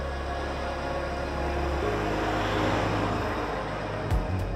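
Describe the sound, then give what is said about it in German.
A steady, rumbling drone of an electric tram running, with low humming tones that shift partway through and a few faint clunks near the end; no one speaks. “Die Straßenbahn. Das Verkehrsmittel der neuen Zeit.”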